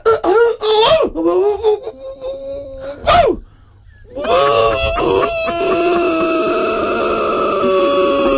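A white Siberian husky howls in long, wavering wails with sliding pitch: several short rising cries, then a steady, drawn-out howl that continues to the end. The howling is fairly loud and no one speaks.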